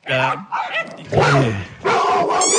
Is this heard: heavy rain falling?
no